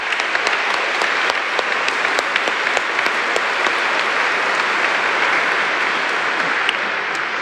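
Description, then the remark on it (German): Steady, dense applause from an audience welcoming a dean, the pastor of Kempten, as he is introduced: many hands clapping at once in a continuous, even roar with sharp individual claps popping through, sustained at a constant loudness throughout. “Ganz Applaus.”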